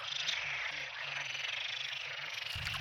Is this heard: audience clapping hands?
no